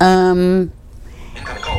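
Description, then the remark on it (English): A mobile phone rings during a show with one loud, steady, buzzy electronic tone that holds for under a second and then cuts off abruptly, leaving faint murmuring noise. “There's my phone. I don't want to hear it.”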